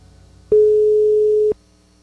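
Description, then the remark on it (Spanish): A single steady telephone ringing tone sounds for about one second as an outgoing call waits to be answered, loud and clear, a pure mid-pitched hum that starts and stops abruptly with near silence around it and no voices. “Vamos a ver si nos contestan, ¿les parece? Pues entrando, sí está.”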